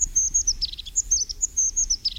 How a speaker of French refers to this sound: des groupes des solitaires ou bien des couples simplement, de mésanges huppées